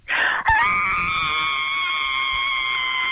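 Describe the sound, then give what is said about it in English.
A caller from Drewvale gives a single loud, piercing high-pitched scream that rises sharply, breaks briefly, then holds steady at a shrill pitch for nearly three seconds without fading, heard alone with no talking. “One more scream for us.”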